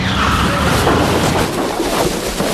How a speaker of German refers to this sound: Oh, was war das denn? Ein Auto. Es ist hinter uns hergefahren. Und in den Heuwagen gekracht. Meine Güte, das ganze Heu ist auf das Auto gerutscht.